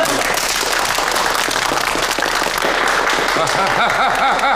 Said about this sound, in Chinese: 来来来，我们一起给峰哥鼓励一下，来，掌声。